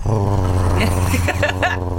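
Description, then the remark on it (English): A person growls low and continuously like a dog for about two seconds, a rough, rumbling voice imitation held loud, with a few raspy breathy bursts near the end. “Exactly, and you got to find that pitch to growl as well.”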